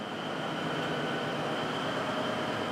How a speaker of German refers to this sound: 5, 6, 7 Sekunden warten, was der Zug so macht. Ob wir dann noch mehr bremsen müssen oder wieder loslassen können. Geht alles sehr gemächlich bei der Eisenbahn.